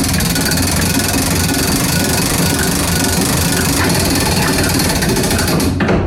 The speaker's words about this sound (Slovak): A teraz natiahneme posledné závažie, ktoré vlastne odbíja, koľko je hodín. To je vlastne veľký zvon, ktorý je odliatý zo zvonoviny.